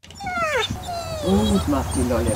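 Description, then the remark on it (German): Seven sheep poodle puppies, born to an almost two-year-old sheep poodle female in Upper Lusatia, Germany, whimper and whine, their thin, high-pitched cries overlapping and sliding downward in a steady, continuous chorus, with a low murmur underneath. “7 muntere und putzige Welpen hat die fast 2-jährige Schafpudeldame zur Welt gebracht.”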